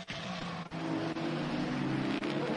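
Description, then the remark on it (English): Race car engines of cars on track running in three groups, the top group of five cars, drone steadily and loudly, a low harmonic whine that shifts pitch briefly near the start before settling into a constant roar, with no voices. “Hey Brendan, situation update, there's three groups here in the top group has 5 cars, and then the group behind is led by the Peugeot, which is slowing down sister car.”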